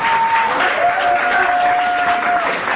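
A dense, loud crowd roar of supporters cheering and shouting as activists enter the courtroom on the first day of their trial, filling the space without pause, with scattered clapping and a thin, sustained whistle-like tone rising above the din.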